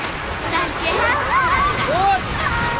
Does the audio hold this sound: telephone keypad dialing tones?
no